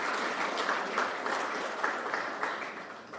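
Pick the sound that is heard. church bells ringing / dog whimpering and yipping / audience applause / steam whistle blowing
audience applause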